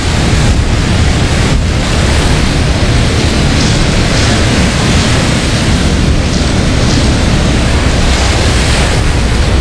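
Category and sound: nature, large ocean waves crashing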